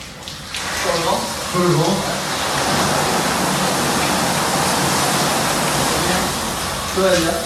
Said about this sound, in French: Rien que cette douche pénétrante avec cette petite dizaine de jets là qui vous masse le dos pendant 5-10 minutes, je peux vous dire franchement, mais quelle détente!